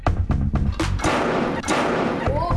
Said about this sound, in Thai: โอ้โห นี่คือถุงลมของจริงนะครับ ครับ ที่เราแกะมาจากในรถมันจะระเบิดออกมา ครับ แล้วมันก็จะแฟบลง